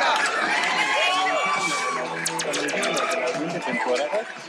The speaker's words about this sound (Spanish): ¡Un aplauso enorme!